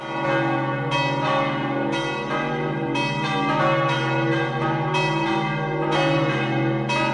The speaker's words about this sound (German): Willkommen zum Radiogottesdienst. Das ist das Glockengeläut der römisch-katholischen Kirche von Sachsen im Kanton Obwalden.